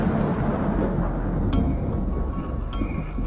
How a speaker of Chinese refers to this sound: 原本计划4月7日19:30要发射的亚洲一号，到了20点，雷雨一直没有停止的迹象。